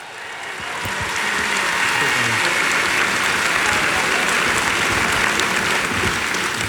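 An audience breaks into applause, the dense clapping swelling over the first second and then holding steady and loud until the end, with no voices standing out.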